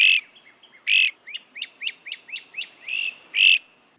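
A bird sings with no talking: two harsh buzzy notes, a quick even run of about seven short chirps, then two more buzzy notes, over a thin steady high whine.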